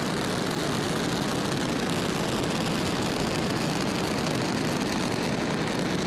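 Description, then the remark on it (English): A SpaceX Falcon rocket's nine Merlin engines roar after liftoff on a cargo resupply mission to the International Space Station, the rocket pitching downrange, in a dense, unbroken rumble that stays steady and powerful throughout, a broad crackling wash of noise with no voices. “So right now the rocket is pitching downrange, and all nine Merlin engines are continuing to perform well.”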